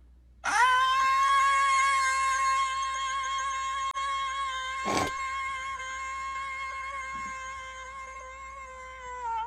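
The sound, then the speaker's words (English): A voice imitating a ghost with one long, sustained, slightly wavering wail that holds a steady pitch for several seconds, interrupted briefly by a sharp click midway. “Just do the ghost noise.”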